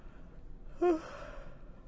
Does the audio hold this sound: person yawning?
yes